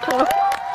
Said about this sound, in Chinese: 各位乡亲们，欢迎来到我们的水哥村，丰收。 鼓掌鼓掌，